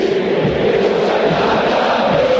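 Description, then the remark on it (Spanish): A huge crowd at River Plate's Monumental stadium chants in unison during a River corner kick, a dense, steady wall of massed voices holding a sustained tune at a constant loud level for the whole stretch, with no single speaker standing out. “Grito histórico en el Monumental.”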